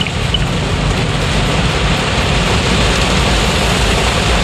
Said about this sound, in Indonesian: Di mana ini ya, Lawang Deras Pol, hati-hati. Hujan sekali, hujan deras ini kawan ya. Deras sekali kawan.